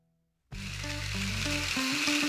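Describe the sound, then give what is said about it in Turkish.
After a brief silence, a blender whirs loudly and steadily, its motor whine shifting pitch beneath a dense, gritty grinding roar as hard chunks of charcoal are pulverized. “Kömürü blenderdan geçirelim mi?”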